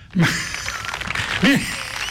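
A crowd claps steadily in a dense, crackling wash of applause, with a couple of brief vocal shouts rising over it near the start and middle.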